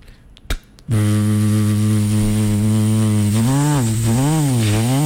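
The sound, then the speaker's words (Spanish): A brief click, then a barber's electric hair clipper sound effect switches on with a loud, steady low buzz that holds for a few seconds before its pitch wavers up and down twice. “Cambio, hay otros que cogen y prenden la máquina. Sonido, por favor, efectólogo.”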